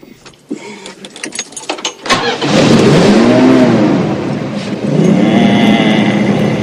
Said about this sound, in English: Then, grinning, Grandpa turns on the ignition.